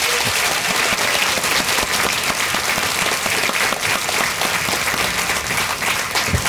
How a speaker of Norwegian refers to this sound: Min tredje gjest er importert hit til Gudbrandsdalen fra Island. Gi også Hallgrímur Helgason en varm applaus.